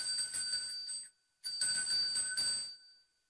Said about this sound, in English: Yeah, and then I've also got a gorgeous little bell, which is used for cleansing. Mm-hmm. So we might give it a little ding.